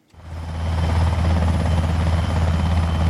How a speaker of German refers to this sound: Ein Hubschrauber setzt zur Landung an. Nicht auf dem Dach der Klinik, sondern auf einer Wiese davor. Der Rotor wirbelt Gras und Staub auf. Es ist laut, unübersichtlich.